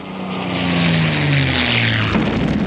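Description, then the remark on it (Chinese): Japanese military propeller planes roar overhead above the city of Jinzhou, China, on a day when they dropped 75 bombs on it; a loud, steady engine drone whose droning tones slide downward in pitch as they pass, with no voices. “这一天，日军飞机在锦州城投下了75枚炸弹。”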